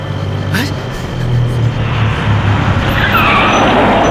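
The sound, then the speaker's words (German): A bus rumbles in loud, its engine droning low as it slows to a stop at a bus stop, with a brief high brake squeal and hiss near the end. “Plötzlich hielt ein Bus an der Haltestelle.”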